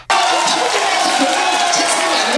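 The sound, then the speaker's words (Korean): A loud, continuous roar of a large crowd cheering and shouting at a street cheering site in a traditional market in South Korea, celebrating the Korean national team's dramatic come-from-behind victory. The cheering is sustained at full intensity for the whole stretch with overlapping voices and no single speaker standing out. “전통시장 한쪽도 붉은 함성으로 가득 찼습니다.”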